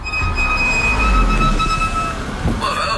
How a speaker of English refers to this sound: Brakes are hard to miss. Yeah, they've been making some noise. Yeah, it's usually worn pads.